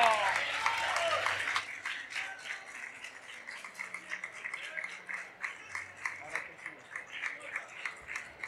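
An audience breaks into applause, a dense burst of clapping that thins into scattered, uneven claps with a few whoops, continuing for several seconds before tapering off.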